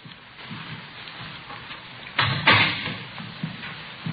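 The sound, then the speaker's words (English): A door is opened with a couple of quick clattering clunks close together, then a soft rustle as it settles, over a steady low background hiss. “I'll get the door.”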